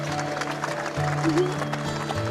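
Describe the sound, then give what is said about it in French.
An audience at a classic car show applauds the winner of a guess-the-car game in a dense, steady wash of clapping that fills the whole moment, with a sustained tone and a few voices faintly underneath. “Tout le monde applaudit bien fort.”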